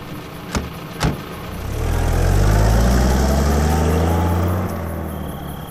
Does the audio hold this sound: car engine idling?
yes